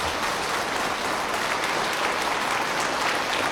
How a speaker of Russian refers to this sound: Инженеры и ученые разразились аплодисментами, когда телеметрия подтвердила выход космического корабля на запланированную орбиту.